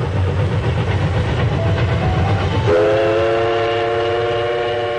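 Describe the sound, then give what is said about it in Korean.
A train runs slowly along the rails with a loud, low rumble, then a long steady horn blast sounds midway and holds until the end. No one speaks. “기차가 천천히 달리는 동안 창밖에는 유채화와 벼밭, 보드나무가 푸르게 펼쳐졌다.”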